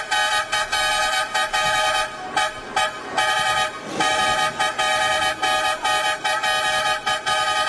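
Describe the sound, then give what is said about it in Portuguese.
A car horn honks loudly, a long run of blaring blasts broken by brief gaps, with no one speaking over it. “Chama na buzina, pode chamar, pode chamar.”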